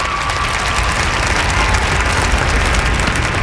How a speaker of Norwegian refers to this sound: Og så kunne kong Harald dra i snora, og kledet som dekte den 3,5 meter høye statuen kom av. Humorkongen, laksekongen, folkekongen, han viste sitt sanne jeg, og så er det applaus.